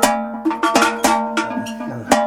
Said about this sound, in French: C'est le son que vous préférez. Ouais, ouais, ouais. Mais c'est parce que c'est des cloches qu'on met vraiment que pour monter à la montagne.